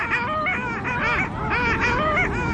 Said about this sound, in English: On this lake right now, there's an incredible congregation of long-tailed ducks. A huge group of males is vigorously competing to attract females to fend off and fight off rival males. They're splashing and fighting and chasing